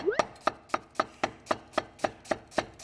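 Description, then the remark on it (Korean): A knife slices an onion, not too thin, on a cutting board for a stir-fry, in a steady, quick rhythm: about eleven crisp, sharp taps, evenly spaced, with no one speaking. “썰 때도 너무 가늘게 썰게 되면 이게 볶을 거라서 다 으스러지거든요.”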